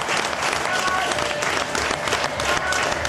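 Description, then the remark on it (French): Sustained applause from a crowd for the Swiss national team, bidding farewell to Switzerland at the World Cup; dense and steady clapping filling the whole stretch at an even, fairly loud level, with faint voices mixed in underneath. “Franchement, est-ce qu'on commencerait pas ces 2 minutes par des applaudissements pour l'équipe de Suisse?”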